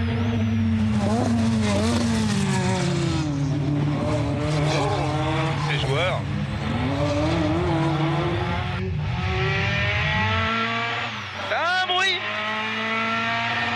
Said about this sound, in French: Et là, parce que la puissance, elle arrive assez violemment. C'est pour ça que j'ai fait un petit travers. On a une boîte assez courte, hein. C'est typique des voitures de rallye.